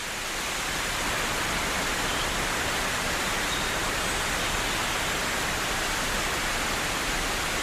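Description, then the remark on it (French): A sudden rain shower pours down in a dense, steady hiss amid patches of blue sky. It fills the whole stretch at a constant loud level, with no voices and no break in the downpour. “Après les saunas et les vaches gasconnes, tout à coup, une ondée de pluie.”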